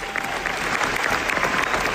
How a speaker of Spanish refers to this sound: Así suenan 15 minutos de aplausos y es el tiempo que Penélope Cruz y Javier Bardem han sido aplaudidos tras la presentación de su nueva película en el Festival de Venecia.